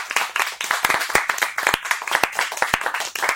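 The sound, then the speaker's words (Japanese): A group of people, everyone present, clapping together to show agreement, a dense run of sharp, overlapping hand claps that stays steady and fairly loud for a few seconds, with no talking over it. “順坊に貫禄があると思う人、拍手”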